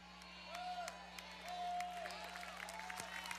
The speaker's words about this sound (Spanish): Fuerte ese aplauso.